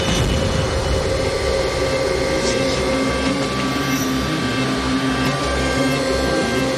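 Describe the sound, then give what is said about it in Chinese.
Several vacuum cleaners run together in an experiment, roaring in a loud, steady, continuous drone, their motors blending into a dense whine with a low rumble underneath and no pauses; the vacuums can only run for five minutes before overheat protection stops them. “吸尘器只有五分钟的工作时间，如果过热保护，它会自己停的。”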